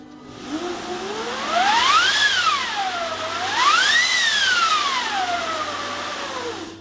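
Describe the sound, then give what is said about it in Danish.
A large orchestral wind machine is played on its own, the effect used for 'The Winds of Hell' in a first movement. Its whooshing pitch rises and falls in two long swells like gusting wind, loud and steady with a rushing hiss underneath. “Ja, det er også det er en stor vindmaskine, men det er faktisk lidt svært at høre, når hele orkestret spiller.”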